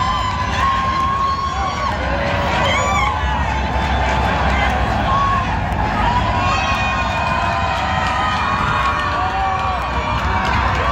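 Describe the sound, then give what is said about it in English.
A loud, sustained roar from a large home crowd outside a stadium, dense cheering and shouting that stays at full volume throughout, with scattered higher whistles and cries rising above the din. “Here's another deafening roar from the home crowd outside of the stadium.”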